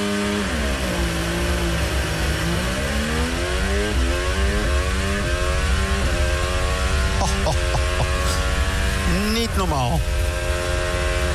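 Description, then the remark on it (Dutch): A Formula 1 engine revs hard and climbs through the gears at the race start, heard from Russell's car, sharp gear shifts cutting in, loud throughout with a steady high-pitched whine. “Hier de start vanaf de auto van Russell.”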